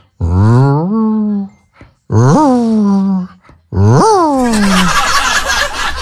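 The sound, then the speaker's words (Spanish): A person imitates a dog howling: three long, loud wailing howls that rise and then slide downward in pitch, separated by short pauses, the last one trailing into breathy noise. “Sí, cuando quiera aullar el perro.”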